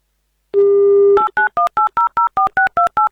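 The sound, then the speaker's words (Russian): A telephone number is dialed as a radio show calls a listener in Krasnodar Krai: a brief steady dial tone, then about ten quick, evenly spaced touch-tone beeps in a clear rhythm, loud and with no talking. “Звоним Марине.”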